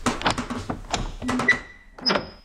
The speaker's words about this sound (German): Ich mach die Tür auf.